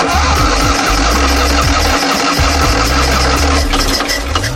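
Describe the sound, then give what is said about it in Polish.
A Fiat 126p ("maluch") engine, recorded as the first one came off the production line, runs loudly with a rough, rattling low rumble that shifts slightly in pitch as it idles unsteadily throughout. No voices are heard. “Mam to nagranie z pierwszego zjazdu malucha.”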